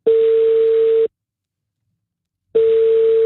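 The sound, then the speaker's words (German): A telephone ringing tone heard on the caller's end of a call from a radio station to a listener: a steady, loud electronic tone lasting about a second, a pause of silence, then the tone starts again. No one speaks. “Manchmal lohnt sich das Telefon auch abnehmen, wenn eine unbekannte Nummer anruft.”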